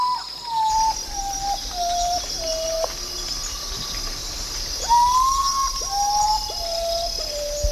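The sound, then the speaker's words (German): An unusual call of an urutau (Tagschläfer): slow, mournful whistled notes stepping downward in pitch, given in two series, clear over a constant high insect drone, with no talking. “Und zu diesem wunderbaren Start des Radiokunstfestivals Radio Revolten in Halle möchte ich natürlich auch einen Vogel beisteuern, der mir irgendwie aufgefallen ist im Sinne von seltsamer Lautäußerung.”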